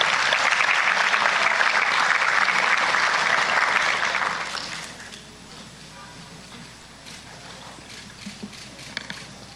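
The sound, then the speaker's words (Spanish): A crowd claps loudly and steadily to send off volunteers, a dense, continuous wash of applause that fades out after about four seconds, leaving a quieter room with a few scattered claps and faint murmuring. “Quiero agradecer muchísimo todo lo que han hecho por nosotros y también por haber participado con nosotros, y despedirlos con un fuerte aplauso y agradecerles también su presencia el día de hoy.”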